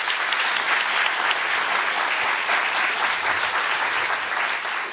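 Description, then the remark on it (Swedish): An audience at Kulturhuset applauds Hanna Sahlberg steadily for about five seconds, a dense, even wash of many hands clapping at a fairly loud level, with no voices standing out. “En applåd tycker jag för Hanna Sahlberg.”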